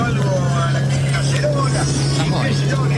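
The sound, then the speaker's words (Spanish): A car's steady, low engine drone fills the whole stretch, constant, with muffled voices and chatter from the car's radio blending faintly into the background noise, in Comodoro Rivadavia. “Te escuché justo, es un auto, es un auto que está escuchando la radio y yo estoy viendo que en Comodoro Rivadavia está como lloviendo y el mar está un poquito picado.”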